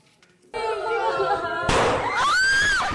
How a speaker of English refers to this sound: A loud bang. And another. This video shows panicked children in a primary school in the central Philippines in June. Two teenagers shot and killed three students.